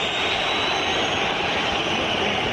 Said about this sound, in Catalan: Xiulets del públic local, l'àrbitre que marxa camí de vestidors, també els jugadors, empat a 0 Metropolitano, s'acaba la primera part del derbi madrileny